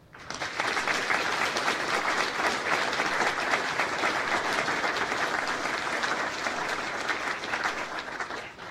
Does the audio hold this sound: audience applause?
yes